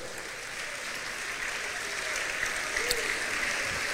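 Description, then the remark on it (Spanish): An audience at a church service applauds for the Lord steadily, a dense wash of many hands clapping at once, sustained and fairly loud throughout with no talking on top. “Demos un aplauso al Señor.”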